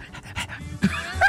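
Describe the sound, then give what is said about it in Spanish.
A person imitates a dog panting with the tongue out, quick breathy huffs in a rapid rhythm, fairly loud, ending with a couple of sharper, higher breaths. “Pues sí, con la lengua de fuera acá.”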